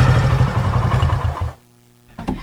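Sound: motorcycle engine running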